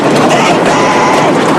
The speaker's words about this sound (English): Michael tries to compose himself to keep a grip on the bar as the train rattles and shakes the whole bridge